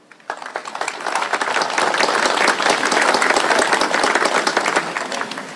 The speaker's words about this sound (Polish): Wielkie brawa!